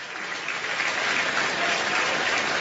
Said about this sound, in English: Crowd egging on Matt Scott.